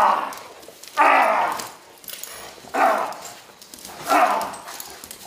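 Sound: dog barking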